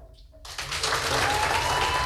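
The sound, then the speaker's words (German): After a brief quiet moment, a competition audience bursts into an 8-point applause: loud, steady applause, a dense crackle of many hands clapping that stays strong to the end. “Wie klang nochmal so ein 8-Punkte-Applaus?”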